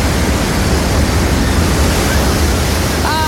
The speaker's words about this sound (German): wir sind nicht rausgezogen ans Meer. Nein, leider nicht. Aber es ist doch wunderschön, das zu hören. Ne? Komm, warte, lass noch ganz kurz genießen.